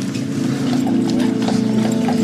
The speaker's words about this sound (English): There's horses.